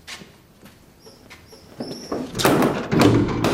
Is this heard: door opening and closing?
yes